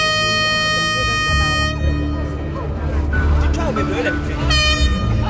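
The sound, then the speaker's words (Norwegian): A loud truck air horn blares in sustained toots at a diesel protest demanding lower fuel pump prices at Eidsvolls plass, cutting out briefly and returning strongly near the end, over a busy outdoor crowd with voices and traffic rumble. “I dag hadde en ny gjeng samlet seg på Eidsvolls plass, så kanskje ble det ikke det store brølet denne gangen, men et tut fikk vi.”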